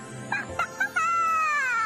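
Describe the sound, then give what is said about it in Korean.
A chicken named Kkokko, at the grandparents' home in the countryside, gives three quick, sharp clucks, then breaks into a long, drawn-out crowing call. Fairly loud, with no voices. “꼬꼬는 어디 있어요?”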